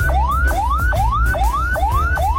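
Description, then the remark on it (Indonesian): An ambulance siren, signalling it carries a non-critical patient, wails in a steady repeating pattern, each tone sweeping upward then dropping back, about two cycles per second. It sounds loud, with a low engine rumble beneath. “Yang pertama, sirene membawa pasien yang tidak kritis, berbunyi agak lambat dan berulang-ulang.”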